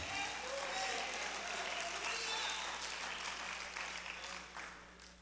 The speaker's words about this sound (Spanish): Den un aplauso al Señor Jesucristo.